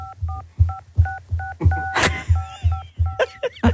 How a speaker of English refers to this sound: You never played Mary Had a Little Lamb on the keypad?